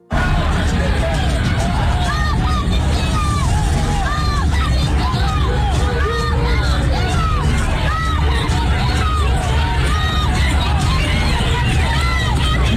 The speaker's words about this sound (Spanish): Después de esto se desataron una serie de protestas que se han mantenido durante horas justo en esa zona y en Austin, Texas. Así se han escuchado algunas de esas manifestaciones.